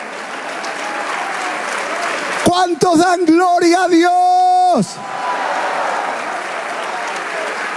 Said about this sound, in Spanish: Si ese aplauso es para el Dios que nos amó desde hace mucho tiempo.